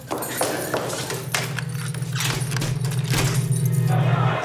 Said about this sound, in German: Nehmen Sie den Schlüssel. Tür abschließen.